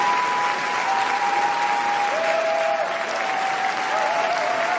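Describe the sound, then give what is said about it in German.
A large crowd claps continuously in a dense, steady wash of applause, with a few faint whistles and cheers rising above it, sustained at an even level throughout; a standing ovation at a major film festival, with 12 minutes of cheering and applause for the French film Garance. “Und mit 12 Minuten anhaltendem Jubel und Applaus nimmt der französische Beitrag Garance in diesem Jahr eine Spitzenposition ein.”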